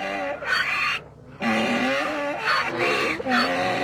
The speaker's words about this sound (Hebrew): מה זה? חמור. למי קראת חמור, תגיד לי? לא, זה אפקט של חמור, אני לא קראתי לך חמור.